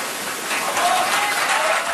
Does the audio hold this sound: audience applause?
yes